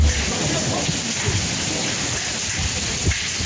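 Hazelnut-sized hailstones pelt and damage vehicles in a dense, steady clatter, a loud continuous wash of hits with occasional sharper impacts standing out. No one speaks.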